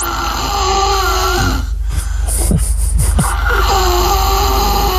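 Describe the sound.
A voice imitates the loud, rough snoring of a three-and-a-half-year-old boy: a quick run of harsh snorting breaths in the middle, forceful, over a steady background bed of sound.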